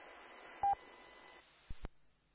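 A quick pair of loud, steady electronic beep tones from a radio relay set up for such beeps cuts through a hissing radio channel, followed later by a couple of sharp clicks as the transmission drops to quiet.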